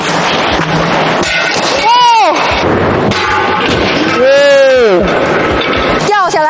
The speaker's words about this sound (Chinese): 不仅玻璃掉了，玻璃还碎了，这如果掉下去真的是非常的危险啊。这个就是因为选择了这种开口压线。